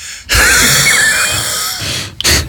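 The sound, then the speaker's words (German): Someone imitates a vacuum cleaner with their voice as a laugh, a 'vacuum cleaner laugh': a long, loud, breathy rushing hiss with a faint whining tone, then a brief pause and a short second burst. “Geht auch zum Beispiel so ein Staubsaugerlachen, das mache ich immer.”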